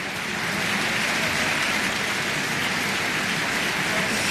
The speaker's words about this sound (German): Jetzt ist gerade noch mal das gesamte Ensemble hier auf die Bühne gekommen in der Kölner Philharmonie, nimmt den Beifall entgegen. Ein großartiger Abend geht zu Ende.